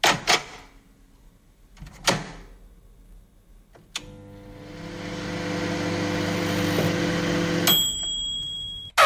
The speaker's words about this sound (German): Ja, genau, unsere Mikrowelle, stimmt.